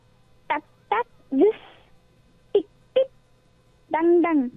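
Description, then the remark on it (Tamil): A voice imitates the ringing of a temple bell struck at a temple, with a series of short, clipped vocal strokes, paired off with pauses between, ending in a longer, drawn-out hum, clear. “இந்த கோவில் மணி, கோயிலில் மணிலாம் அடிக்கும்போது ஒரு சத்தம் கேட்கும், அந்த மணி சத்தம் எப்படி இருக்கும்?”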